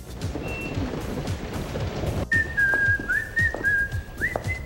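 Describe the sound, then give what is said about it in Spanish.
After a couple of seconds of steady hiss, someone whistles a film melody: clear, fairly loud held notes that slide up and down, with a short rising phrase near the end. “Y es que decidí ponerles este silbido característico, muy característico de pues de hecho es esta película, pero decidí ponerles esta canción, o sí, es este sonidito”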